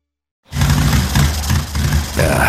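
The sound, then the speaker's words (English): A loud motorcycle engine roars and rumbles with uneven, choppy pulses, its low throbbing wavering as it sputters during a cross-country trip, running steadily for about two seconds with no voices. “Bike's sputtering on me.”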